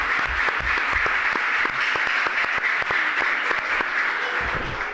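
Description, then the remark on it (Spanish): A full crowd, including pupils of CEIP San Agustín, in a packed Peña Flamenca in El Burgo applauds steadily and loudly, many hands clapping in a dense, continuous wash with sharp individual claps standing out throughout. “Una Peña Flamenca completamente llena de gente porque han venido a vernos el alumnado del CEIP, San Agustín, que voy a pedir un aplauso para empezar, para que toda la gente que nos oye sepa que está esto completamente lleno.”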